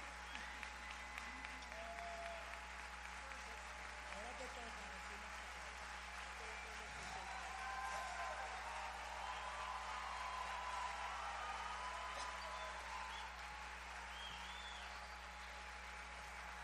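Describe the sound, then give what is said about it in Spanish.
Steady, sustained applause from an audience at a tribute to Dominican Catholic music singer Evelyn Vázquez fills the whole stretch, a dense wash of clapping that stays loud and even throughout, with faint murmuring voices mixed underneath. “Evelyn Vázquez, un minuto de aplauso para ella porque se lo merece.”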